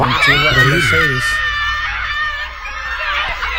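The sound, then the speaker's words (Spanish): A woman screams with excitement at being given a G-Wagon vehicle at a giveaway event, a loud, high-pitched and sustained shriek that rises over a brief burst of talking at the start and carries on to the end. “A mí me encanta cómo gritan ella.”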